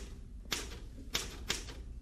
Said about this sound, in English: I know you've enough typing there to last you for a week, but I'm going to ask you just to finish up that page and then do this for me.